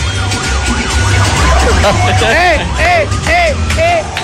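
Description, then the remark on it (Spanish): An ambulance siren cycles loudly through rising and falling wails, then quick repeated yelps, over a dense, noisy street celebration with crowd chatter, taxis and traffic rumble. “Y luego llega la ambulancia.”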